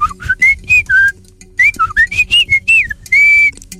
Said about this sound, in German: Ein Amsel? Es ist einfach geraten. Ja, sicher. Es stimmt.